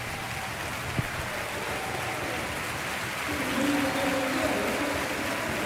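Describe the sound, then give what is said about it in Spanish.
A stadium crowd gives a sustained ovation for player Brian Cipenga, number 17, as he is substituted off. It is a dense, steady roar of applause and cheering that swells slightly partway through, with faint sustained voices rising above the clapping. “Ahí escuchamos la ovación a Brian Cipenga, que se va pues complementamente ovacionado.”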